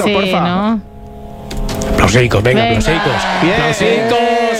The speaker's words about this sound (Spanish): Aplausicos.